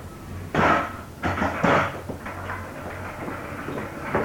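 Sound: door being closed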